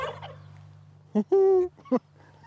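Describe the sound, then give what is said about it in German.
Male turkeys on a poultry farm in Köhlau, Lower Saxony, Germany, let out in the morning, gobble together in a loud burst: a short call, then a longer rattling, warbling gobble, then another quick call, all over a steady low hum. “lässt ihre Putenhähne raus und die plustern sich ordentlich auf. Das ist schon so ein bisschen so ein Ballett, ne? Ein Ballett mit Gesang.”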